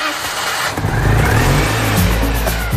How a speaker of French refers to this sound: Et ce son-là, c'est celui de la deux chevaux de Pépé et Manu.